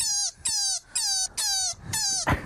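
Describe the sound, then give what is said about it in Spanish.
A rabbit gives four shrill, squeaky cries in a steady rhythm, each a short high-pitched squeal that droops slightly in pitch, loud and with no talking over them. “¿Esto hace un conejo?”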